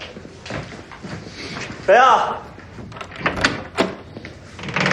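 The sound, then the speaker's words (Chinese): A door is pulled open midway with a loud, squeaky hinge creak, surrounded by scattered thumps, shuffling and faint muffled voices in a room. “我开门去。”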